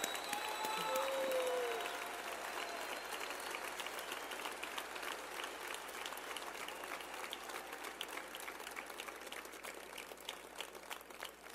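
A large crowd at a Morena party celebration bursts into sustained applause for figures of the movement, including historian Enrique Semo Caleb. Dense clapping fills the space for over ten seconds, with a few whistles and cheers rising early on.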